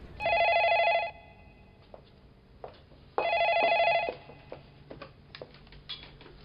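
A telephone rings twice in a steady electronic trill, each ring lasting about a second with a pause between, followed by faint clicks and light room noise, as a university department head calls a family home.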